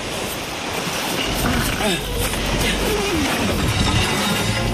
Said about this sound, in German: Kannst du mir helfen, das Boot höher zu ziehen?